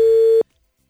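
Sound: telephone dial tone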